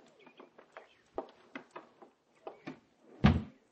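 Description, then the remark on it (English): An unlocked door is opened without a key: a run of small clicks and rattles from the handle and latch, ending in one louder, deeper thump as it swings. No one speaks. “Open the door quick.”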